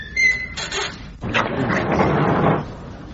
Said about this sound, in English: You be the last in, and close the door behind you.